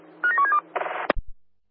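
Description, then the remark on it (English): A quick run of short telephone dialing tones, each beep at a slightly different pitch, followed by a brief rush of noise and a soft click. Fairly clear, with no one talking. “Roger, I'm just on the phone with the staff that left already, but is there someone to rescue the bird coming over?”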